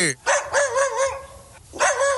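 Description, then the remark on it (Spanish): A dog gives a few loud, drawn-out barks that stretch into a yowling, almost singing tone, with a brief pause before a final bark. “Sí, un perro saludo. Aquí está Loki.”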